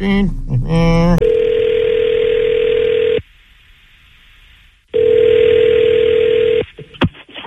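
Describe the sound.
A telephone line rings out as hosts at radio station New Country 103.1 place a call: two long, steady buzzing rings separated by a silent pause, heard clearly through the line after a brief burst of voice at the start.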